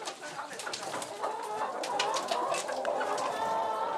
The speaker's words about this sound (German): Jetzt schnell in den Stall. Auf die unternehmungslustigen Hühnerdamen passt jetzt erst einmal der schwarze Hahn auf.